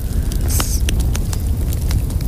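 A steady low roar of a bonfire with sparks falling, broken by sharp irregular crackles and snaps, with one brief bright hissing burst early on, like sparks scattering.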